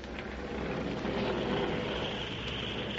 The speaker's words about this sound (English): There's an airplane flying around this room.